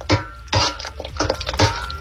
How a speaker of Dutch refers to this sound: Ja, ik gok dat jij aan het koken bent. Klopt dat? Ja, klopt. Wel klopt. Hard bezig met pannen, maar nu nog aan het koken.